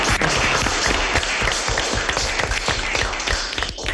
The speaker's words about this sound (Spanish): Bueno, por favor. Un aplauso, por favor. Un aplauso.